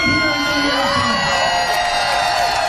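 A large crowd sings together outdoors, many voices blending into a loud, sustained wash of sound with cheering mixed in, steady and continuous throughout.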